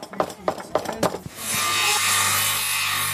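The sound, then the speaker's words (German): Children hand-saw through wood at a crafts event around the church in Pooch, about five quick rhythmic strokes, then a steady, loud whirring hiss like a power sander running continuously. “Ja, sägen, schnitzen, hämmern und schleifen.”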